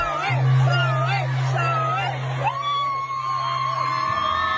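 A large concert crowd in Australia chants "shoey" together in rising and falling tones over a steady low hum, ending on one long drawn-out note, loud throughout.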